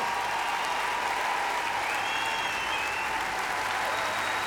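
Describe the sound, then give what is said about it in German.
Sustained, dense applause from a large audience for the band led by Florian Wolter at the end of This is the Greatest Show 2026, steady and loud throughout with a faint whistle-like tone riding above the clapping; no talking. “Ein großer Applaus für unsere Band unter der Leitung von Florian Wolter.”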